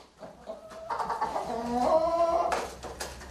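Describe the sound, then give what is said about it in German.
Seven surviving chickens cluck and squawk in a short, busy burst of overlapping calls, rising to a louder drawn-out squawk before a few scattered clucks at the end. “Eine Streubombe hat sie alle getötet. Dort im Hühnerstall.”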